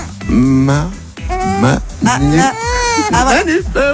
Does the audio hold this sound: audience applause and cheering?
no